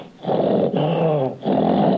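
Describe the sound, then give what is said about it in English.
A person imitates an angry tiger growl: three loud, raspy, sustained roars in quick succession, the middle one more tonal and rumbling, with no other talking. “A tiger when you get mad.”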